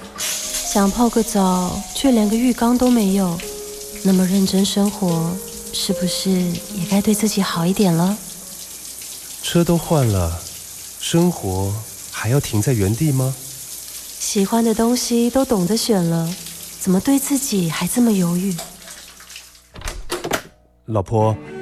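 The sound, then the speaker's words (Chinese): Steady hiss of shower water running, with unstable water pressure turning hot and cold, in a commercial for Just Time bathroom fixtures, partly masked by a loud melodic music track, with a few brief knocks near the end. “都淋湿了，我先去冲个澡。”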